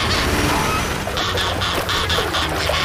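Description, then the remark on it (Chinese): Swans honk in a loud, rapid series of about half a dozen nasal calls over a constant noisy outdoor background. “我想他们是想保护它，他们以为那是真的天鹅。”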